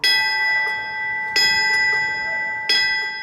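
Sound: memorial bell ringing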